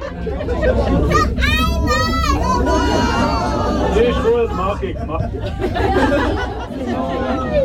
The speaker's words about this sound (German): Es ist laut im Bus. Kaum jemand ist am Handy oder hat Kopfhörer an, wie man das sonst häufig sieht. Nein, die Leute schwätzen miteinander und raten, biegt der Bus als nächstes echt rechts oder links ab.